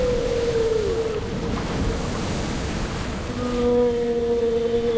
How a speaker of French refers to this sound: Mais plus la baleine poussait, plus notre bateau s'approchait des côtes et plus la mer, gonflée de rage, rugissait, luttait.